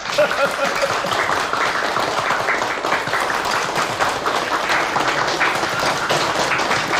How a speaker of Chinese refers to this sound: 他说在这个会议上一定要表扬一下北泥村和黄文秀同志，我们大家为黄文秀同志鼓鼓掌。